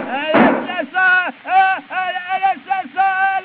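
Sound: gunshot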